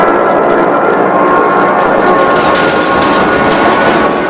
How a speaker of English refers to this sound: Inside, the crew hang on as the plane dips and rattles. The B-17 shakes. Objects and documents are flung around the body of the plane. The flames drag back along the engine as the Memphis Belle plummets.